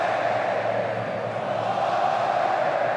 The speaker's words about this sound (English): The noise is that of the Morocco fans. They are cheering on at the minute.